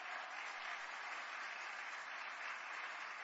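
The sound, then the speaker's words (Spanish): An audience applauds the Lord in a steady, sustained wash of clapping that stays even in loudness throughout, with no voices rising above it. “Y hoy quiero decirte a ti, gloria a Dios, demos ese aplauso al Señor.”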